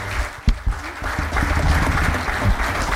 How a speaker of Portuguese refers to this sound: Um aplauso